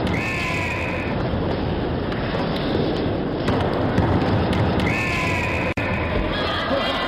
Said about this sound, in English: The Fox 40 whistle.